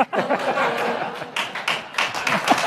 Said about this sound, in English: That gets applause. Thank you. Thank you.